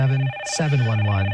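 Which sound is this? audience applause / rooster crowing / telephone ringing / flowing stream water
telephone ringing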